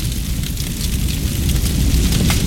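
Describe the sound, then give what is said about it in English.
A spreading household fire in the middle of the night roars steadily with a deep, rumbling low end, while irregular crackles and pops scatter across the top throughout, loud and continuous with no voices. “In the middle of the night, there are two sounds a spreading household fire can make. Here's the first.”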